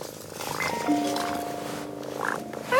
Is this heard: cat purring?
yes